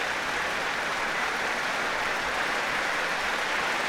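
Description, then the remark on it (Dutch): A large audience claps steadily for pianist Daniil Trifonov after his encore, Santo Domingo by Bulumba Landestoy, a dense, continuous wash of hand claps that stays loud and even throughout, with no voices heard. “En opnieuw een daverend applaus voor Daniil Trifonov.”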